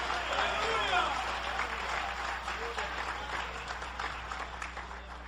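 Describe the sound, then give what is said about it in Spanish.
An audience applauds steadily in praise of the Lord Jesus, a dense wash of clapping sustained throughout with faint voices and shouts mixed in, moderately loud and continuous. “Dale ese aplauso de poder al Señor. Dale ese aplauso de poder a Jesús.”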